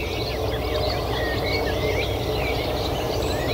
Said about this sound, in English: And we'll just go back to the lagoon briefly, if we can. There's our little grebe again. A whinnying sound is the little grebe. It's like someone laughing.